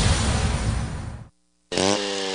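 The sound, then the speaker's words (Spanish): A chainsaw roars loudly, cuts out abruptly into a brief silence, then revs back up with a rising, buzzing engine whine, in a radio ad for Hyundai Maquinaria y Herramientas in Cintalapa. “Contamos con motosierras, desbrozadoras, soldadoras, bombas sumergibles, rotomartillos, revolvedoras de concreto,”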